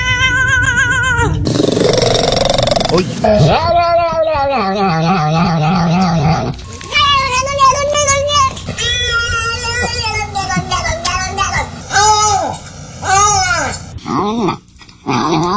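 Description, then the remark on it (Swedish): A string of different cat vocalizations follows in quick succession: drawn-out meows, yowls and chirps with wavering pitch, some loud and close, separated by brief pauses, with no talking over them. “Och jag tänker att vi kan väl lyssna på några kattläten då.”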